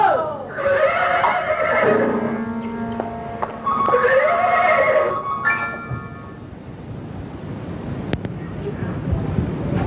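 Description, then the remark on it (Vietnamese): Horses neigh and whinny loudly, two long rising-and-falling calls in succession, followed by a shorter snort-like cry, over a rough outdoor background with faint hoof noise. “Đem bầy ngựa ra cất nhượng hết cho ta.”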